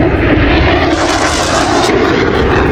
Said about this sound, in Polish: Ogromny ryk silników samolotów Sił Powietrznych Stanów Zjednoczonych, które w tej chwili dokonują przelotów nad amerykańską stolicą.